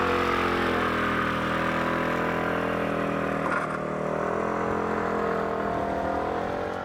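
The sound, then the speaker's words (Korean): A motorcycle engine runs with a loud steady rumble, with mild rises and dips in pitch as it revs, continuous for the whole stretch with no voices. “집에 차 있어도 차 안 타고 다녀요. 오토바이 타고 다녀요.”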